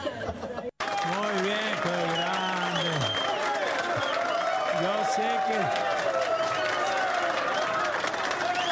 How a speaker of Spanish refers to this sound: un aplauso para mí más fuerte, que soy tímido, por favor. Muchas gracias